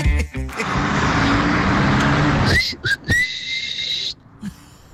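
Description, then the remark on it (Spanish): A loud whistled call, the whistle a father used to call his children: a rising whistle followed by a long sustained high note, heard over passing traffic noise on a street. “Ese era el chiflido con el que nos hablaba mi papá.”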